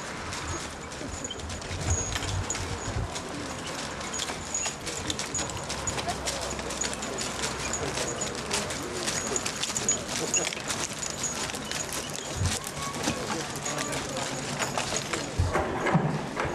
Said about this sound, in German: Die Pferde drehen den Pferdegöbel.